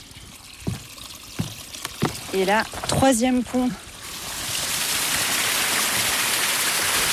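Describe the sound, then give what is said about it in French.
A voice speaks briefly over soft background noise, then a steady rush of flowing forest water takes over, an even, continuous hiss and babble that stays fairly loud to the end, in a forest spot with water all around and small footbridges over muddy passages. “Il y a de l'eau un peu partout.”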